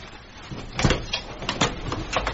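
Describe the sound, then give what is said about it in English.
Several sharp knocks on the front door of a house, a handful of firm, unevenly spaced raps, with no one speaking. “was about to leave the house when there was a righteous knock at the front door.”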